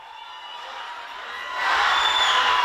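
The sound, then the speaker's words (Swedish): Fans with flags cheer and clap at a homecoming in Sofia, Bulgaria, after Bulgaria's Eurovision Song Contest win, a dense wash of voices and applause that swells noticeably louder partway through and stays loud to the end, with no single voice standing out. “Hon möttes av fans, flaggor och applåder när hon kom hem till Sofia efter Bulgariens historiska Eurovision-seger.”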